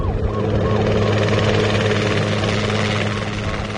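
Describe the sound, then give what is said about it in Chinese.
A police helicopter circles overhead searching for clues at a crime scene, its loud, steady rotor drone and engine whine filling the whole stretch without letting up. “直升机在空中盘旋着，寻找着可能发现的线索。”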